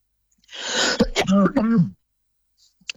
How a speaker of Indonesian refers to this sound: Nah, mohon maaf ya, para pendengar masih batuk.